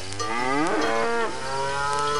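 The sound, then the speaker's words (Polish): A single long cow moo, loud and drawn out, its low nasal tone rising to a strained peak and then sinking back down, with no voices alongside. “W którym miejscowa ludność poit swoją chudobu.”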